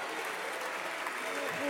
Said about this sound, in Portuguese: Ruído e palmas. Palmas do PSD, palmas da IEL, palmas do CDS.